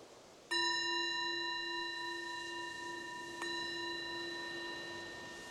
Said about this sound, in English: So the bell is the invitation to let go of whatever you were doing before, and inviting the awareness to just come in and check on, how is it right now in this mind and this body?